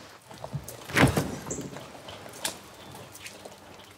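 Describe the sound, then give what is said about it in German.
A door is opened with a sharp clunk of the latch followed by a brief rattle and scrape, then quiet background noise with a few soft knocks. “Jetzt mach die scheiß Tür auf, da.”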